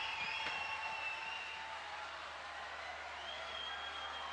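An audience at the end of a night concert in a cultural centre in Copiapó applauding steadily, a dense, even wash of many hands clapping that holds for the whole stretch at a fairly soft level, with thin whistle-like tones running over it.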